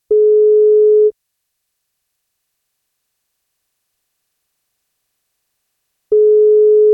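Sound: telephone ringing tone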